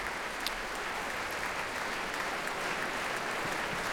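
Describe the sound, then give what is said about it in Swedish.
Sustained applause from a large concert audience for the orchestra as conductor Alan Gilbert returns to the stage, a dense, steady wash of clapping that holds at an even level throughout with no voices standing out. “Det verkar inte som att publiken tänker lägga ner applåderna än.”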